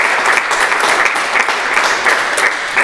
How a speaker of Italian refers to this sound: Ecco, intanto ti facciamo un applauso, così intanto prendi un po' di fiato.